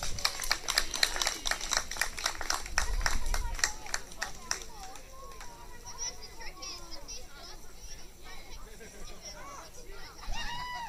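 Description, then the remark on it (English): A crowd applauds the mixed breed second-place team in a tug of war as they come up for their prizes, with brisk, dense clapping for about four seconds, then the clapping thins out into a murmur of chatter and children's voices. “Big round of applause.”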